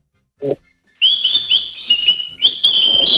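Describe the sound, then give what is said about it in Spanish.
A pet bird whistles and chirps in a steady, high, warbling stream that runs for a couple of seconds, after a brief low thump at the start. “No, está silbando.”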